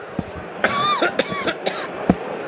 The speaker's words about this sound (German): Jetzt muss ich ganz kurz das Mikrofon wegnehmen, da will ich ganz kurz husten muss. Moment, rasch.